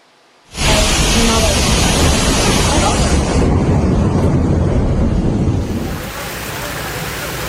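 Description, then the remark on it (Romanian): Floodwater rushes loudly and steadily after a brief silent start, a dense continuous roar of churning water in the city of Varna, Bulgaria, flooded after torrential rain, that eases only slightly near the end. “Orașul Varna a fost inundat după ploaie torențială.”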